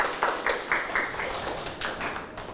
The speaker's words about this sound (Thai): เก่งมากครับปรบมือให้กับตัวเอง